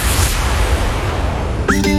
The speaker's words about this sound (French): Attention, on répond à l'appel de son nom, le chat.